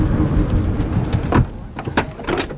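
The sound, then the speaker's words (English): Someone gets out of a car by the seaside: a steady low outdoor rumble, then a few sharp clunks and rustles as a car door opens and shuts. No one speaks. “So I've just come out of the car and already I cannot describe how beautiful this is.”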